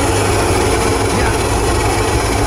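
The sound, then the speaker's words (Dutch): A coffee machine grinds and hums steadily, a loud, continuous mechanical roar with a low rumble underneath and a broad hiss on top, unbroken for the whole stretch with no voices. “De nieuwskop is gesneld door het koffieapparaat.”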